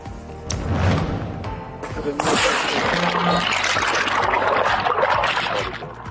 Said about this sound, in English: A close call as this boat capsizes. More on a dangerous flooding that hit over the weekend.